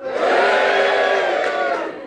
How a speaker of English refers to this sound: I'm at the Hay Festival in Wales in the UK. Audience, can you give us a cheer to show us you're here?